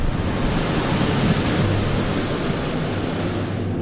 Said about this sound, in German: Danach folgt eine Luftdusche. Für die nur wenige Millimeter kleine Tigermücke ist der Luftstrom eine unüberwindbare Barriere.